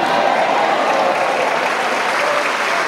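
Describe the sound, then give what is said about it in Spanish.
An audience claps loudly and steadily during a church sermon, a dense, continuous roar of many hands with no break and no talking over it. “Dale ese aplauso bien fuerte.”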